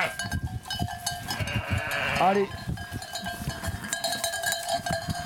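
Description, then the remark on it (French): A flock of ewes and lambs mills about with a bleat rising over steady jingling bells, while a person speaks briefly. “Voilà, donc là, les brebis, les agneaux, tranquillou au milieu de leurs copines.”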